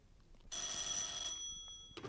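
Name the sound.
telephone ringing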